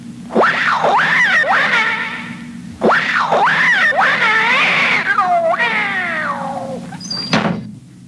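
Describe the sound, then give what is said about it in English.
A cat being shooed away screeches in three long, wavering, loud yowls, rising and falling in pitch, followed by a short thump at the end. “But there is a cat in there. Not for long. Come on. Scat, cat!”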